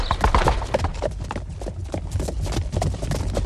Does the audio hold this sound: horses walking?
yes